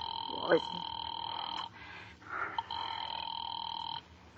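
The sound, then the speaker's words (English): A telephone rings the police department in two long, steady electronic bursts separated by a short pause, sounding thin, as if heard through a receiver, with a brief murmur in between. “Ringing the police department.”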